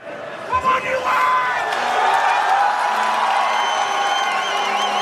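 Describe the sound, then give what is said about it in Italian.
A dense crowd of US soccer fans in a fan zone outside the Chase Center in San Francisco roars, cheers and chants "USA, USA" steadily during a national team match, many voices blending into a loud, sustained wash, with a few higher whoops and shouts rising above the din. “L'inno nazionale, cori USA, USA, cappellini a stelle e strisce.”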